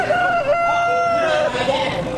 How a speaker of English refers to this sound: Today is Farm Family Day at the Missouri State Fair. And don't miss the rooster crowing contest. Here's one of the contestants.